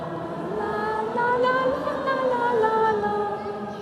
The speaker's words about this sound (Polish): Ciekawe, czy dorosłym się uda tak dobrze zaśpiewać jak wam. A teraz sami dorośli, proszę bardzo.